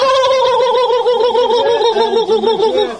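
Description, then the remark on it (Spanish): A turkey gobbles loudly and continuously, its warbling, rapidly fluttering call rising and falling in pitch for several seconds, clear with no talking. “¡De pavo, Dios mío!”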